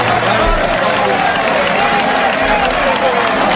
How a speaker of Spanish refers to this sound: Una ovación, pero no una ovación pequeña, una ovación de toda la plaza. Mira.